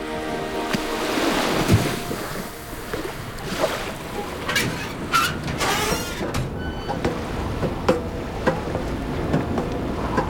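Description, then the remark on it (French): Steady wash of sea waves with gusts of wind rushing past, punctuated by occasional creaks and knocks from a sailing ship's rigging and hull, continuous with no voices. It is a cool night, and a light wind whistles between the masts where the sails hang slack. “Un petit vent sifflait entre les mâts où les voiles pendaient.”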